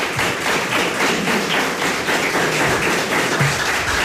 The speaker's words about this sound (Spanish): y recibe el aplauso. Muchas gracias.